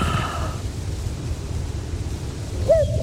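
A cuckoo gives a brief hooting call near the end, fairly close, over a steady low rumble of wind or outdoor noise. Nobody speaks.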